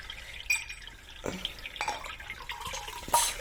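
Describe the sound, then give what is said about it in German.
Water is poured into a glass: a soft, uneven trickle broken by a few bright splashes and drips, fairly quiet, with no one speaking. “Möchtest du ein Schluck Wasser?”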